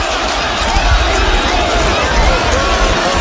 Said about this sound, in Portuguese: Gritando o nome do Danilo, que vieram, os reservas vieram aqui pra essa área do aquecimento, e aí tá todo mundo gritando o nome do Danilo.